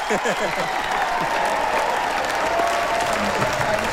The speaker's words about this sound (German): Jetzt gerade riesen Jubel gerade noch, ja.